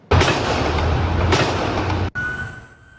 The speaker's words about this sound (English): It all happened at around 11:30 this morning in Montreal's Côte-des-Neiges neighborhood. And video posted to social media captured the moment gunfire rang out.